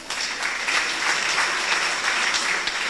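A crowd applauds steadily, a dense wash of many hands clapping at an even, sustained loudness with no voices rising above it.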